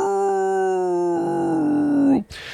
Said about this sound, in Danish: og da kampen var forbi, begyndte hans førerhund at hyle. Og da jeg sad ved siden af, der siger jeg, hvorfor gør den det? Spurgte jeg ham om. Jamen, det gør den hver eneste gang. Brøndby taber, svarede den blinde mand.